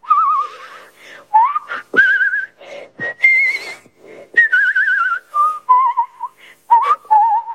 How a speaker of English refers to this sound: I like to whistle, and I whistle with vibrato. I'm a good whistler.